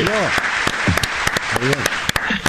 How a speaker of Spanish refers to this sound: Sí, estuvo bien, ese es nuevo. El único chiste nuevo. Aplaudamos que es un chiste nuevo.